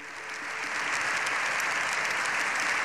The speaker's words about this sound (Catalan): Així, Lleó XIV ha rebut una ovació de fins a 7 minuts al final de la seva intervenció